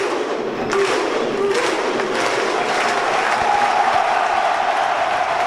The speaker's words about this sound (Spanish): El Cartagena celebra con su tradicional grito vikingo, si te parece. Dale, escuchamos.